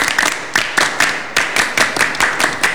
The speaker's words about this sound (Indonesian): Dua kali tepuk Pramuka. Biasa-biasa saja tapi mantap, yes.